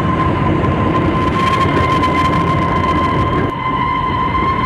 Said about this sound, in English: After the passengers had taken their breakfast, the train gave a shrill whistle and braked with a jerk and came to a halt.